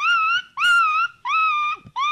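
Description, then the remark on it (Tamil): A school student performing mimicry imitates an injured dog, letting out four sustained, high-pitched whimpering whines in quick succession, each about half a second long and fairly loud. “டே, இது பேர் அடிபட்ட நாயிடா.”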